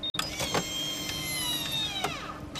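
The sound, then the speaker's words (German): An automatic, tube-shaped blood pressure monitor inflating with the left arm placed inside it. Its pump motor gives a steady, buzzing whine whose high tones slowly drift in pitch, broken by a few soft clicks and no voices. “Als nächstes wird der Blutdruck gemessen und dafür führt man den linken Arm ja, in ein Blutdruckmessgerät.”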